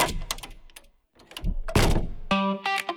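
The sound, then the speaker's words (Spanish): A heavy armored Eurosegur door swings shut with a loud, solid thunk, preceded by a few metallic clicks and rattles and followed by a bright electronic tone ringing out. “Hola, soy tu futura puerta Eurosegur, la que va a cuidar tu hogar junto con Accor System Puertas Acorazadas en calle Colón 14, Cuenca.”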